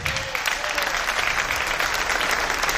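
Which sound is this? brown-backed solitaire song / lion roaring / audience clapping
audience clapping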